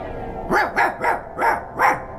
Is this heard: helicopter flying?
no